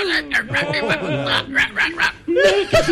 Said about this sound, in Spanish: ¡Y el perro!